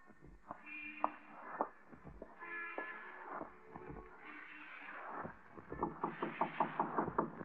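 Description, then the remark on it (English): Knocking on a door in a vestibule: a few separate raps, then a quick, steady run of about seven knocks near the end, fairly loud, over faint tonal background sounds. “Go in there and knock on the door.”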